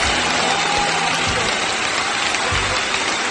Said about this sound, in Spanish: Con este aplauso bacán, lo tenemos como efecto y dice aplauso bacán.